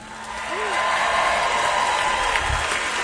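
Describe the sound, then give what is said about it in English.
A country music concert audience cheers and claps in a steady, dense roar of noise that holds at full volume for about three seconds, with a brief rising whoop near the start. “Make some noise right now if you ever leaned on a song at your hardest time.”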